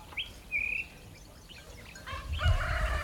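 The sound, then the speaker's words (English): A rooster crows at 4:30 in a village, its strained, harmonic call rising over a low rumble after a couple of brief, thin chirps at the start. “The rooster gets going at 4:30.”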